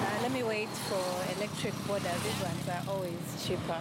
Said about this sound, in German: Der Auspuff zeigt ihr sofort an, dies ist ein herkömmliches Motorrad mit einem Verbrennermotor.